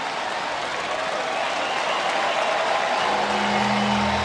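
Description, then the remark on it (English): A large baseball stadium crowd on the south side of Chicago rises to its feet, cheering and applauding in a loud, steady roar of clapping and shouting that swells and holds throughout, with a low humming tone rising underneath near the end. “Crowd rising to their feet here on the south side of Chicago.”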